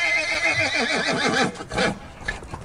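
A horse whinnies loudly, a long shuddering neigh with a wavering pitch, followed by a few softer snorts and breaths as it trails off.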